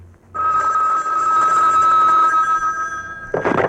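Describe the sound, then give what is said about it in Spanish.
A telephone bell rings loudly and steadily for about three seconds, a bright sustained metallic trill, then cuts off as a brief burst of noise, like the receiver being picked up, follows. “Si en cuanto suena el teléfono vuela, míralo.”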